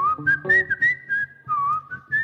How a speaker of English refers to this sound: Yeah, I whistle because I can't play guitar. Yeah. I have to whistle the solos.